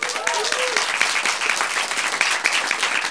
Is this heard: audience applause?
yes